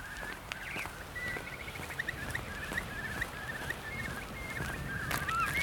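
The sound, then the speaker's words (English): A starling runs through mimicked blackbird-like phrases: fluted whistles mixed with rapid chattering trills, over a steady outdoor hiss with occasional clicks. “Starling mimicking Blackbird.”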